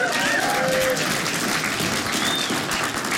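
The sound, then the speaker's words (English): A crowd bursts into steady applause for rescuing a cat, dense clapping filling the space at a loud, even level throughout, with a few faint whistles and cheers mixed in. “Round of applause for rescuing an animal.”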